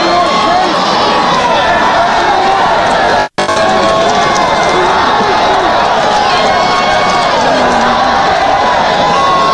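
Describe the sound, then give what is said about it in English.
A big crowd at a baseball game in Auburn, Alabama roars steadily, a dense wash of many voices and cheers that stays loud throughout, broken only by a split-second dropout about a third of the way in. “Giant crowd here at Auburn, Alabama.”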